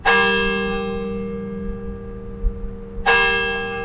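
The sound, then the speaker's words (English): Two clear strikes of the Denny Chimes bells, in the brick and limestone tower completed in 1929 on the University of Alabama campus, ring out about three seconds apart, each tone loud and resonant with a long shimmering decay, with no voices present. “The days and nights of this institution have been marked by the sound of Denny Chimes' bells since the brick and limestone tower was completed in 1929.”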